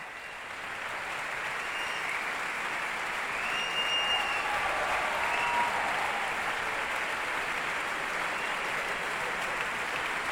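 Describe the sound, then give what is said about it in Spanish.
Sustained applause from a large concert audience after a performance of Mahler's Second Symphony, as conductor Bloch has the orchestra's sections stand in turn; a dense steady wash of clapping that swells slightly in the middle and stays loud throughout, with no voices standing out. “Se van levantando las secciones de la orquesta, por eso se escuchan más y menos aplausos.”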